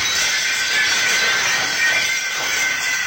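Glass shatters in a loud, bright crash, with a sustained spray of tinkling, ringing shards lasting a few seconds. No voices.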